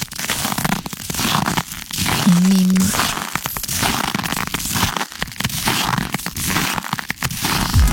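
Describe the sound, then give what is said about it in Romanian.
Crunching footsteps on frozen snow, a steady run of gritty, crackly crunches that keep going loudly through the whole stretch, with brief sharper snaps among them and no clear talking. “Ai, bun, dacă asta vă place, pașii în zăpadă, puteți să, să votați.”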